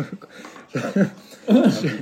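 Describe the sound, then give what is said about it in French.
A voice imitates the snoring of a friend's father in Bamako: two rough, low, rattling bursts, the second louder and longer, after a brief softer sound at the start. “Genre le signal, c'était quand son père, il ronflait, mais comme un...”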